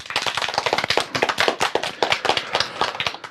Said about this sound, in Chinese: 同学们，让我们掌声有请今天的第二位思政辅导员